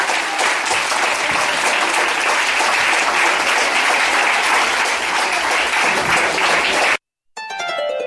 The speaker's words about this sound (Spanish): Y la iglesia del Señor dice: denle fuerte, pero fuerte aplauso al Señor en esta hora.